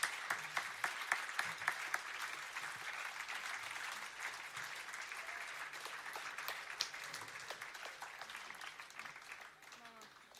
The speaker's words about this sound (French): Bon, un super grand applaudissement pour tous les bénévoles et organisateurices.